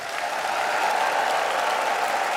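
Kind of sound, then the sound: crowd, audience clapping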